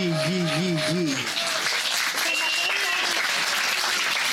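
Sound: audience applause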